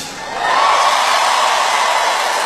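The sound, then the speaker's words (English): An audience in Houston, Texas, asked how many of them do not speak Spanish, bursts into cheering, swelling quickly into a steady, loud roar of many voices and whoops that holds for a couple of seconds with no one speaking over it. “Don't cheer.”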